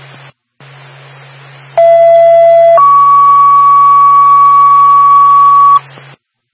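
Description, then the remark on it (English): Steady radio static hiss, then a loud two-part ambulance dispatch alert tone: a short lower pitch stepping up to a longer held higher pitch, cutting off back into static. “Listen ambulance, second tone, 33 Bishop cutoff.”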